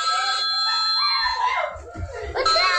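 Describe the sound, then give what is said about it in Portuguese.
A child screams with excitement as the family reacts to their first food-delivery order, a brownie. The scream is loud and high-pitched, the shrill cry rising and sweeping over a few seconds while other voices chatter and laugh alongside. “O nosso criança gritando, pai, esposa.”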